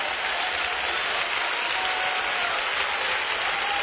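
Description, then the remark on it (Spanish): Loud, sustained applause from a large crowd for the King of Kings, a dense wash of clapping that holds steady throughout without pauses or voices breaking through. “Más fuerte este aplauso para el Rey de Reyes.”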